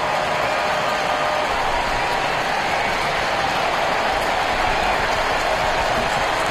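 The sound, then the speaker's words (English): A large baseball stadium crowd rises in support of pitcher Sale in the fifth inning of a game against the Dodgers, cheering and applauding in a steady, loud roar that holds without a break for several seconds, with no clear voices rising above the wash of noise. “Crowd doing their part, rising in support of Sale.”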